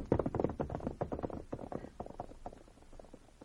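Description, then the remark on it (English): A horse's hooves clip-clop in a quick, steady rhythm, loud at first, then gradually growing fainter as the horse moves away. No voices are heard. “Now, get out of your horse and let's get away from here.”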